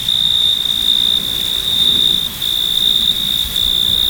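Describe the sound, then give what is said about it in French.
Male crickets rubbing their wings together on a cool evening trill in a steady, high-pitched drone that runs almost unbroken, dipping briefly midway, fairly loud over a soft low background hush, with no voices. “Les grillons mâles frottaient l'une contre l'autre leurs ailes et de la terre montaient les plus enivrantes mélodies.”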